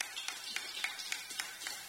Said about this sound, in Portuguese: Dá palmas para Jesus.